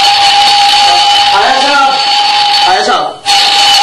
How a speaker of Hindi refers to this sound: भाई good morning के लगते अलार्म बंद कर, ये आज अलार्म क्यों लगाया है?